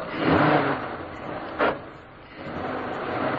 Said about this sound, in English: As the car stopped, the first post office van was already approaching.